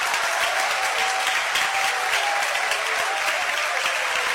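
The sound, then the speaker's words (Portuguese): A church audience applauding steadily, clapping to glorify God, a dense, continuous wash of many hands clapping at an even loudness throughout, with no voices standing out. “Eu quero palmas misturado com glória a Deus.”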